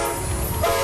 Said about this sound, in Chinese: 这是中欧班列出发的声音，河北制造，正沿着一带一路送到全世界的货架上。